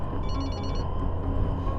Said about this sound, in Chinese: 接电话。